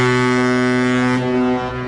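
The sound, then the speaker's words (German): The horn of a cruise ship, the Symphony of the Seas or another large cruise liner, blares as it docks at the port of Barcelona, one loud, sustained, deep tone with rich harmonics, holding steady for nearly two seconds before wavering slightly at the end. No voices are heard. “Wenn am Hafen von Barcelona die Symphony of the Seas oder einer der anderen Ozeanriesen anlegt, hört sich das so an.”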